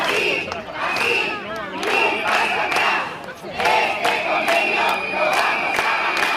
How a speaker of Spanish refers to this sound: Durante media hora, centenares de personas han ocupado la calzada al grito de "este convenio lo vamos a ganar".